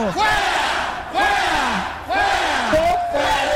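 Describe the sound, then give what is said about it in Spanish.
A crowd of people shouting and yelling together in loud, overlapping surges, with rising and falling cries that swell in roughly three waves over a few seconds. “Mira, la gente está gritando.”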